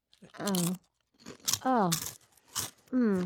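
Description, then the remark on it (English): Loud crunching as several bites into crisp food land in quick bursts on a radio show, mixed with voiced murmurs and hums from the people eating, over about three seconds. “Okay, Here and Now resident chef … has several crunchy new recipes.”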